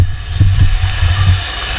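Loud, steady rush of water with a low churning rumble underneath, like a toilet flushing, continuing without pause and with no voices.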